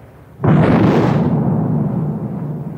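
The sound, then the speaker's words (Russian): A heavy naval gun salvo erupts with a sudden booming blast, followed by a long rumbling roar that slowly fades over a couple of seconds. No voices are heard. “Есть. Верный залп.”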